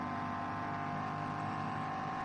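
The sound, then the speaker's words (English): The engine of BMW race car number 23 drones steadily under load as it climbs a hill flat out, a continuous buzzing roar with a strong harmonic whine that holds a fairly constant pitch throughout, with no voices present. “Sure, that's the engine noise.”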